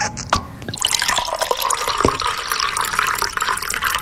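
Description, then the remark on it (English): Wine is poured into a glass in one steady stream, gurgling and splashing for several seconds after a few brief drips at the start. No voices. “That was a pretty hefty pour there.”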